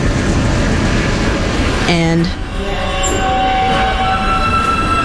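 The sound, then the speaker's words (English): A short sequence of three clear, pure high electronic tones rings out on a New York subway platform as a train is about to leave the station, sounding over the loud rumble and hiss of a train, the notes sustained. “It's a sound that you hear when you're standing on the platform and a train is just about to leave the station.”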